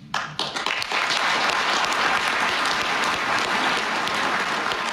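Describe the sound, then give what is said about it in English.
Sustained applause from a large audience, a dense wash of clapping that swells in over the first second and then holds steady and loud without letting up. “That applause went on for a couple minutes, if I remember correctly, or at least it felt like a couple minutes.”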